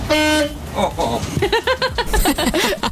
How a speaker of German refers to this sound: Darf ich mal auf die Hupe drücken? Ja, drück einfach mal auf die Hupe. Ich weiß nicht, was der vor uns meint. Ob wir drängeln wollen, aber kannst du gerne machen.